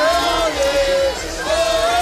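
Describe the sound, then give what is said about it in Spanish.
A loud, dense crowd roar of chanting, cheering and shouting as a country celebrates a World Cup win, with car horns sounding a steady sustained tone over it in long stretches, broken by a short pause before returning; flares and fireworks are part of the celebration. “Y así suena un país tras haber ganado un mundial. Los cánticos, las bengalas, los bocinazos y los fuegos artificiales”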